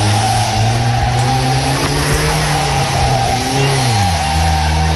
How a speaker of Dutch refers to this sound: Hij ging er nog vandoor in een soort van rijdend wrak met rokende motor en is later opgepakt.